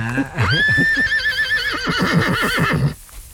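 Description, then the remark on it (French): A pregnant mare in a small meadow whinnies loudly, a long quavering neigh that rises and then shakes in pitch over about two and a half seconds. Faint talk sits underneath. “Rendez-vous compte, regardez l'harmonie de ce cheval ici, là. Ouais. Cette jument, là. Elle est pleine, là?”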